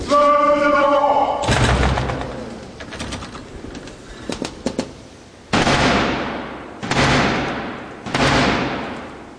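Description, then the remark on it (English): A called-out voice and a heavy thud give way to three loud, booming knocks by Black Rod, the King's Messenger, on Parliament's wooden door in Britain to gain entry, a 350-year-old ceremonial tradition; the knocks are evenly spaced about a second apart, each leaving a long ringing decay. “That was the 350-year-old tradition of the King's Messenger, the Black Rod, knocking to gain entry after having Parliament's door slammed in his face.”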